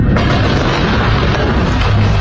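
A loud missile strike explosion with a deep, sustained roar and crackling rumble that fills the whole moment without letting up. No voices are heard.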